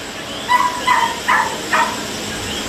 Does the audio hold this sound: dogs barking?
yes